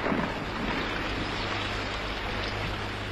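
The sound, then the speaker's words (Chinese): A steady rush of babbling stream water flows without pause on a tree-covered hillside outside a village. It is a dense, even wash of sound with a faint low rumble underneath and no voices. “村外的山坡上绿树葱葱，流水淙淙”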